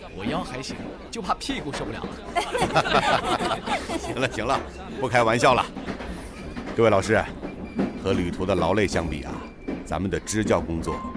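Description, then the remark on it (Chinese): A passenger train, three days into a journey toward Panzhihua, rumbles along the rails with a steady low drone and occasional clacks, running continuously beneath several people talking and chattering. “这火车都坐了三天了。”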